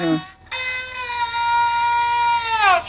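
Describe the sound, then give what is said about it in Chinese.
An imitation of a rooster crowing, played on a zhuihu, a bowed string instrument: a short low note, a brief gap, then one long, bright, sustained cry that bends downward at the end. “哎，你看， 公鸡叫。”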